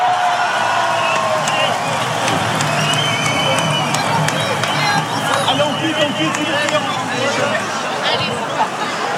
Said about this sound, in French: Grand bravo s'il vous plaît à tous les sportifs. Et Bayonne!